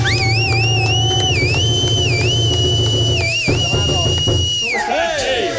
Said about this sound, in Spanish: Un aplauso, démele un aplauso.